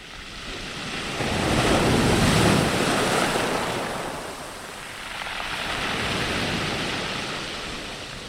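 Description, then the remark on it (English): Stormy, rough sea waves roll in and crash against the shore in two long, loud surges, with a steady rush of wind noise underneath and no voices. “I might throw rocks at you, might stand up to my knees in you. Rage and storm at me all you like.”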